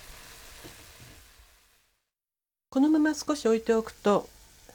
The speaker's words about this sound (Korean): 뚜껑을 덮지 않고 5분 정도 바짝 졸입니다. 너무 졸이면 고기가 굳어지므로 냄비에 고여있는 국물이 2큰술 정도가 될 때까지 졸입니다. 국물이 바짝 졸면 불을 끕니다.